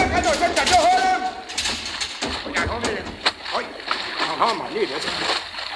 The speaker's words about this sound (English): The impact threw all of us to the deck. I got back up in time to see water gushing down through the conning tower hatch. A direct hit.